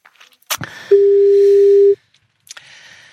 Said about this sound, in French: vas-y, compose le numéro, et nous allons voir ce que ça donne.